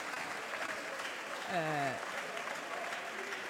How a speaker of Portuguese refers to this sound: E os aplausos são dos deputados do Chega.